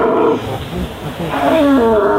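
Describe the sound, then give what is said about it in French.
A red deer stag bellows in the rut, a deep, hoarse roar drawn out over a couple of seconds, loud, rising and falling in pitch with no talking. “À quelle saison on entend le mieux, quelle saison est idéale pour entendre le brame du cerf qui est celui-ci?”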